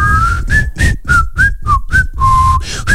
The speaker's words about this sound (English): Can you whistle?